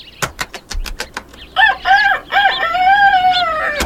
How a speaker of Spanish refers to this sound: A la mañana siguiente, la liebre se despertó con el canto del gallo, quien desde lo alto del granero anunciaba el amanecer.